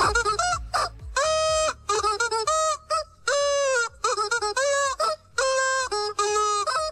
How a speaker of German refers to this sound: Also ihr habt euch wirklich super in dieses Huhn reingehört.